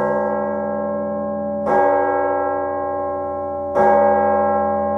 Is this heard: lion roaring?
no